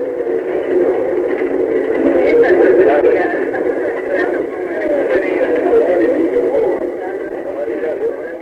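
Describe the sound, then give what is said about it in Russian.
Passengers boarding a small cable car bound for the summit of Pão de Açúcar (Sugarloaf), a 390-metre rocky cone above Guanabara Bay in Rio de Janeiro, with a dense murmur of voices and footsteps over a steady, mid-pitched motor hum that swells slightly as the motors start and the car moves off. “Вы слышите, как ходят в вагончик пассажиры? Вот включены моторы, и мы мягко трогаемся с места.”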